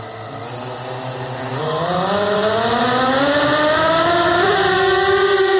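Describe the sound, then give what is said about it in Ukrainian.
A Sting interceptor drone's motors spin up for takeoff into the sky over the Chernihiv region, a buzzing whine that climbs steadily in pitch and grows louder, then holds a strong, steady drone, with no voices. “«Стінг» злітає у небо над Чернігівщиною.”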